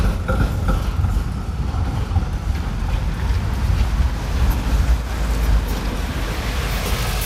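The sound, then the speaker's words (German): A city bus turns in and rolls past at Franz-Jonas-Platz, a busy square with trams and buses, its heavy low engine drone steady and loud, with wind buffeting the microphone and no one talking. “So, jetzt lassen wir den Bus da vorbeifahren. Da kommt einer eingebogen.”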